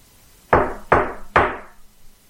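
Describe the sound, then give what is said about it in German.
Three firm knocks on the wooden front door of a house, evenly spaced, each with a short resonant decay, with no voices present. “da hörten wir laute Männerstimmen vor der Haustür. Es klopfte.”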